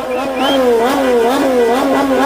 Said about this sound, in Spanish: Esto sucedía anoche. También el sonido del motor de una motocicleta.